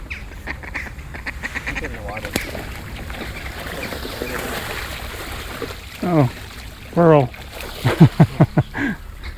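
Ducks quack loudly in a few bursts as they are fed, over a steady, noisy backdrop of splashing water and outdoor bustle, with several short calls clustered near the end.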